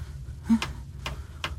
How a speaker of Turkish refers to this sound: Allah'ım, birisi yatağımın kenarındaki duvarı delmeye mi çalışıyor ne? Evet, yanılmamışım. Yan hücredeki adam benim hücremin duvarını kırmaya çalışıyor.